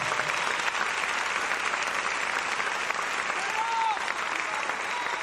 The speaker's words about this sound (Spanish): Déselo fuerte al Señor ese aplauso.